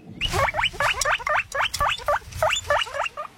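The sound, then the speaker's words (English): A guinea pig squeaks in a rapid, steady series of short high-pitched chirps, about three per second, loud with no one talking. “It is a guinea pig.”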